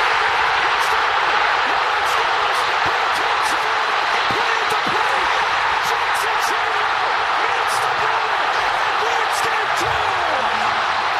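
A huge stadium crowd at a Brewers-Padres baseball game, Game 2, roars without letup after a Brewers walk-off hit with the bases loaded and two outs. It is a dense, loud wall of cheering that holds steady throughout, with occasional sharp cracks and shouts poking out of the din.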